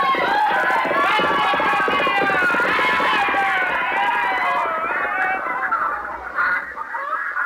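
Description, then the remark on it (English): A loud, unbroken street commotion of a rioting crowd, many overlapping shouting voices, with squawking and clucking chickens the rioters have grabbed mixed into the din, holding steady before thinning slightly toward the end. “Brother, what a row.”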